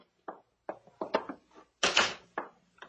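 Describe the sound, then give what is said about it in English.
A door is opened: a quick series of latch rattles and clunks, a longer scraping swing, then a few more knocks as it settles, with no one talking. “Open the door.”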